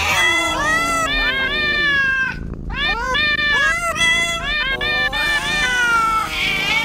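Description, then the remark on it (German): Loud, drawn-out cat meows follow one another almost without pause, rising and falling in pitch and sometimes overlapping, with a brief dip in the middle before the wailing resumes. “Cat's Eye, miauen, versteht ihr?”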